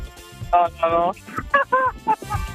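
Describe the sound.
A person imitates a rooster's crow with a strained, nasal voice in a string of uneven bursts, loud, with no other talking.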